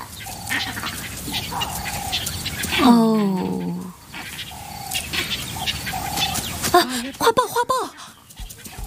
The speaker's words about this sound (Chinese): 猴群急促的叫声往往预示着又一场对决即将上演，他们在提醒同伴附近有危险，其他动物也会注意到他们的信号。